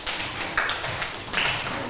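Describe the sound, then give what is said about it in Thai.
A group of students in a science lesson on magnets claps for a classmate's answer, a steady dense patter of many hands with a couple of louder swells, with no talking over it. “เห็นด้วยกับเพื่อนไหมคะถ้าเห็นด้วยกับเพื่อนนะคะปรบมือให้กับเพื่อนหน่อยค่ะ”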